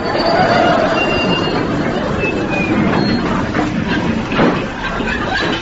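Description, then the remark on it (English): A train, the 10:23 special calling at all stations to Haywards Heath, rumbles steadily along the rails in a loud, continuous clatter, with faint high metallic squeals drifting over the noise and a brief jolt near the end. “It's the 1023 special calling at all stations to Haywards Heath.”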